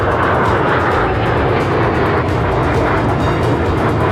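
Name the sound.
military aircraft flying overhead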